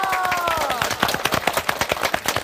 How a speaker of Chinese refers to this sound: 我们掌声鼓励一下好吗？